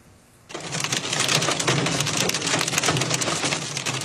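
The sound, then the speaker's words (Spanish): A sudden onset of dense, steady pelting as storm hail bounces off a vehicle with the driver inside, in the Marion area of North Carolina, loud, sustained without letup and with no voices. “Un conductor ve cómo el granizo de la tormenta le rebota al vehículo mientras él se encuentra adentro.”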